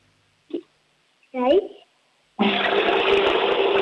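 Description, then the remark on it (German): A short voice sound and a brief spoken syllable come first, then a loud toilet flush at a grandmother's home bursts in and roars steadily, broad and rushing, to the end. “Die Oma hat eine laute Klospülung.”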